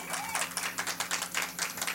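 An audience applauds: many hands clapping in a dense, irregular patter that holds steady for the whole two seconds, at a moderate level with no voices over it.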